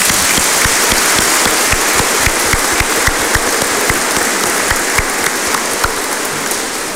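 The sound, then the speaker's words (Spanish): A crowd applauds steadily for several seconds in a strong round of applause for all the women, honouring Bolivian Women's Day. It is a dense wash of clapping with sharper individual claps popping through, loud and even throughout, with no voices. “Démosles un fuerte aplauso a todas las mujeres.”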